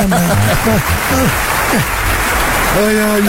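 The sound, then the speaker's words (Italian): A steady wash of clapping runs through the whole clip, dense and crackling, with voices rising and falling over it at moderate loudness. “Bella, mi sono preparato anche gli applausi da me, perché tanto non me li manda mai.”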